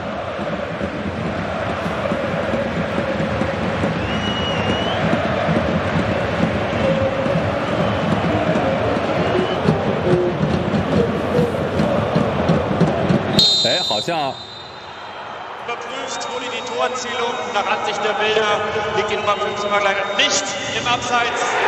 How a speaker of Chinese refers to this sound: 哦，现场的欢呼声应该是出现了改判，塔巴科维奇已经开始脱衣庆祝了，虽然会以一张黄牌作为代价，这个进球是有效的，并没有越位